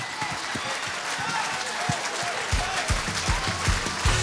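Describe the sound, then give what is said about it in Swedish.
Steady, dense applause from a large audience at an award ceremony as the Vocalist of the Year 2026 award is announced fills the whole stretch, with a few louder, heavier claps and low thumps rising near the end. “Ja, mycket applåder.”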